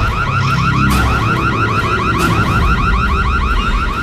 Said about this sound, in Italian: Dannazione, allarme!